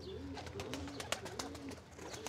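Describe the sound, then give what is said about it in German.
Pigeons' wings clap in a quick, irregular series of sharp flaps, while soft low cooing rumbles steadily underneath. “Das klatschende Geräusch der Tauben dient der Abwehr von Fressfeinden.”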